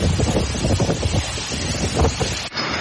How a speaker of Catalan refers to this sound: On ja han començat a caure fortes tempestes és el País Valencià. Després d'una nit amb temperatures altíssimes, la pluja va acompanyada de ratxes de vent de fins a 149 km per hora al municipi de Sumacàrcer, a la comarca de la Ribera Alta.